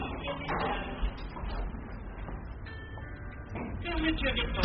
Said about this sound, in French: Les portes grincent en se refermant.